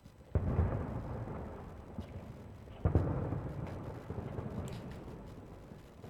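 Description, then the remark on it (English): Fireworks boom twice at the end of a song, each sharp blast trailing into a long low rumble, with fainter pops and crackles scattered between; fairly loud, with no voices. “Does the fireworks go off at the song's close?”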